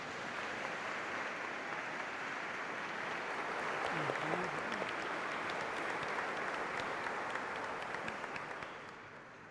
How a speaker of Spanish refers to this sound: Felicidades a estos señorones que por 25 años han entregado su vida a Dios y ya pueden venir con el costal cargado de tantos frutos. Pido un fuerte aplauso para todos ellos.